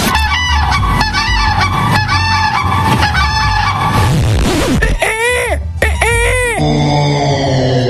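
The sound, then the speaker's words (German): A voice imitates a crane's call, with a run of loud, brassy honking cries followed by two longer wavering trumpeting calls, continuous with no talking. “Das war der Kranich.”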